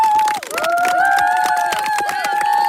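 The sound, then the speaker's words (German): A crowd claps loudly and steadily throughout in applause for the teachers, the dense applause joined by sustained whistling and cheering voices rising and falling above the claps. “Geben wir mal einen Applaus für die Lehrerinnen und Lehrer, bitte.”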